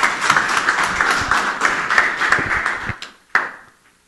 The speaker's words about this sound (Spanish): Escuchamos, por favor, fuertes aplausos.